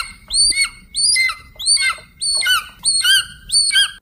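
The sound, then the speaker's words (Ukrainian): A person imitates an eagle's cry in a sound-imitation contest on Lux FM radio, with six shrill, descending screeches in a steady, evenly spaced series, loud, with no talking around them. “відтворюють такого орла”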